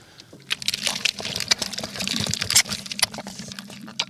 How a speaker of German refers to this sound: Also es zappelt im Eimer, ist ein bisschen ja, wie eine Schlangengrube.